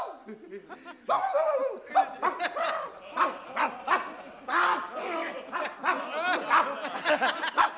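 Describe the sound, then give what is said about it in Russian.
A person imitates a dog's barking with a long run of rapid, voiced bow-wow yelps and yaps, lively, mixed with chuckling and laughter. “Видал какой? Ну, настоящий собака, настоящий.”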